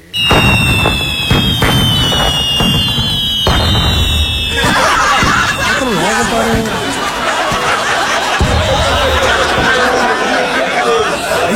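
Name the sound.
firecrackers exploding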